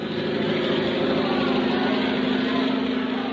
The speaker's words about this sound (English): Oh, haven't you heard, old man? Louis Blériot, the French flyer, is crossing the channel in his aeroplane.